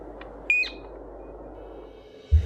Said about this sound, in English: Mātātā. The fern bird.